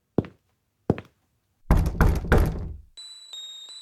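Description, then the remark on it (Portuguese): Two sharp, separate, fairly loud knocks on the door of Camilo Mendonça, president of the new RTP television in Portugal, followed by a louder burst of rough, rustling noise and then a steady high-pitched tone. “Não tem nada a perder quando vai bater à porta de Camilo Mendonça, o engenheiro agrónomo de 33 anos que o governo nomeou para a nova Rádio e Televisão de Portugal.”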